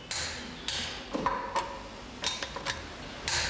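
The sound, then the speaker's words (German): A torque wrench tightening screws gives a series of sharp metallic clicks as it slips at its set torque, several crisp snaps spaced irregularly, with no talking. “Diese Schlüssel rutschen beim Erreichen des eingestellten Drehmoments durch, was man auch ganz deutlich an den entstehenden Knackgeräuschen hören kann.”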